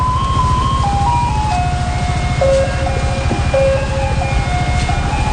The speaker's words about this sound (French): C'est devenu la trame musicale de Taïwan avec cette nouvelle politique, Lettre à Élise de Beethoven, qui annonce chaque soir l'arrivée des camions à ordures